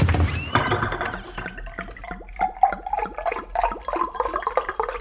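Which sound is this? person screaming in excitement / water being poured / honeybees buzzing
water being poured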